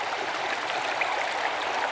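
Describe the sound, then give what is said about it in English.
Steady rushing of the Bogotá River's water flowing over stones, a continuous bright burble with no pauses, moderately loud, no voices present. “The river's a sculptor and a musician, making and remaking itself and the landscape as it flows, sounding itself for and with plants and animals around it.”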